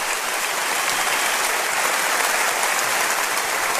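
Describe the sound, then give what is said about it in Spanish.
A church audience applauds Christ, a steady, dense wash of many hands clapping at a constant loud level for several seconds, with no voices rising above it. “Dele un aplauso a Cristo, por favor.”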